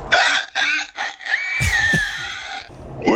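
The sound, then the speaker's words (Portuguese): A person imitates a pig with a run of short, shrill squeals, then a longer wavering squeal over rough grunting snorts, and one last squeal at the end. The voice is loud throughout. “É pá, isto é um porco.”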